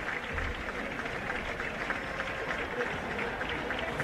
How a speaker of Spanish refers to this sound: Los aplausos son porque sale Belgrano a calentar.